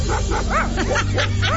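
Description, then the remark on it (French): An English bulldog named Poutine barks in a quick, repeated burst of several sharp yaps, loud over a steady low background hum. “Qui aurait cru que votre bulldog anglais pourrait vous aider à construire votre patio?”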